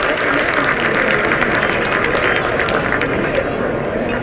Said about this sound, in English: This is a real lively crowd tonight. It really is. Again, fans parceled around the first and third base sides. A lot of scarlet, some green.